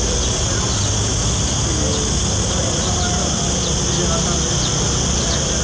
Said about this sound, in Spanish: El sonido de las chicharras